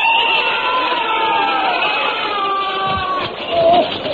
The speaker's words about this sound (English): I was rather shaken by that terrible noise. What are they doing out there? Bayonet practice, of course.